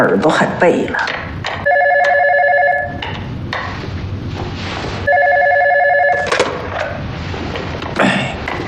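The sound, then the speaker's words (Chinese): A telephone rings twice with a call from the gatekeeper during a New Year family gathering, each trilling burst lasting over a second with a pause between, loud over background clatter and murmured voices. “那个门卫刚来的电话。”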